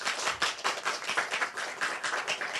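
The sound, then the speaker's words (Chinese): An audience claps their hands together at a ceremony in a dense, steady burst of applause lasting a few seconds, many pairs of hands overlapping at moderate loudness with no voices over it. “大家要不要拍拍手？”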